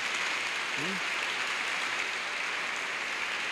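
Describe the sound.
An audience applauds Jesus Christ during a church service: steady, dense clapping fills the whole stretch at an even level, with a brief voice rising faintly through it near the start.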